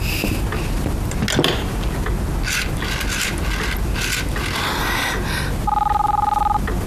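A telephone being dialed to call a family's home through an operator, with scattered mechanical clicks and ratcheting over a noisy background, then a steady electronic tone humming for the last second.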